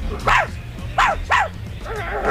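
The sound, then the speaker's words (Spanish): A person mimics the neighbour's female chihuahua's yapping bark: three sharp, high yips in quick succession, followed by a softer, drawn-out whine-like bark at the end. “La perra de la vecina.”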